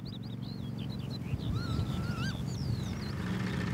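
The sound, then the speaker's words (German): Many birds call at once at the Görmitz bird sanctuary, with high whistling and warbling notes over a dense chorus of lower honks and chatter, steady throughout. “Görmitz hat sich tatsächlich zum Vogelparadies entwickelt.”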